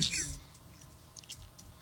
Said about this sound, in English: What are you munching on?